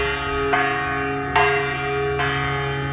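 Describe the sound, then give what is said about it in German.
A large bell in an art installation at the Venice Art Biennale, with Austrian artist Florentina Holzinger hanging beneath it, rings with deep, sustained tones, struck roughly three times at regular intervals, each strike bright and full before resonating on with a long hum. No voices are present. “Ja, ist erstmal eine Glocke, ne?”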